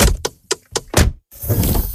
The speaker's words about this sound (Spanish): Así suena la Volkswagen KDI Hybrid.